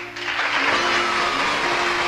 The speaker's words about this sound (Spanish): Bueno, como yo siempre digo, vamos a recibir al invitado con un fuerte aplauso.